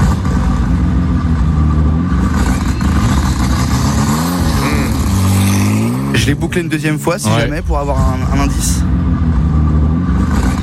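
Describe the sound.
A loud BMW M4 GT3 race car engine revs continuously, its pitch rising and falling, with a man speaking over it for part of the time.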